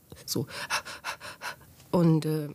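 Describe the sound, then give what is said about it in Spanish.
A voice imitates the rapid, heavy panting of someone unable to breathe: a quick run of breathy huffs in steady rhythm, ending in two louder, strained voiced gasps, fairly loud. “No podía respirar en absoluto. Solo jadeaba.”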